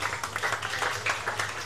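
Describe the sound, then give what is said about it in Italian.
A crowd at the PGK Circus applauds steadily throughout to celebrate a race result, many hands clapping in a dense, crackling wash at an even, fairly loud level, with a faint low hum beneath and no voices. “E accompagniamolo con un grande applauso.”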